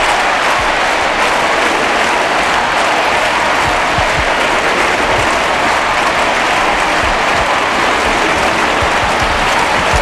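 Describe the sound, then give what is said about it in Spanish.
A huge crowd at the Estadio Olímpic Lluís Companys in Montjuïc, Barcelona, applauds live and continuously for ten seconds, a dense, steady roar of clapping with scattered low thumps, loud and unbroken, with no speech. “Escucha, en el estadio, escucha el sonido en directo del Estadio Olímpic Lluís Companys en Montjuïc, Barcelona.”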